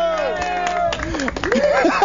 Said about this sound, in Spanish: ¡Aplausos!